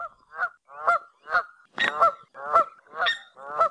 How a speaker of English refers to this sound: Canada geese are very common birds native to North America, but are uncommon winter visitors in the Hawaiian Islands.